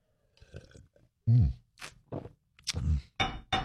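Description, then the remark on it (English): Several wet, noisy slurps of coffee from a cup in quick irregular bursts, some short and some drawn out, fairly loud with brief pauses between them and no talking. “All right, grab that coffee, a little juice, a little OJ, whenever you need to get your day off to a good start. It is the morning slurp.”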